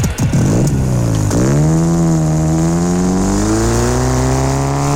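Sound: car engine revving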